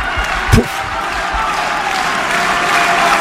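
A large crowd at the Suzanne Lenglen tennis court applauds steadily during a decisive moment of the second set, as Pablo Carreño prepares to serve at set point, a dense wash of clapping that holds throughout, with a brief thump near the start and faint murmuring voices underneath.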